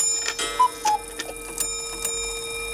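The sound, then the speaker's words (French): A pendulum clock striking ten o'clock, with a few bright metallic strikes ringing out over a sustained resonant hum. It is moderately loud, with no voices. “pas la peine de regarder la pendule, il est 10h.”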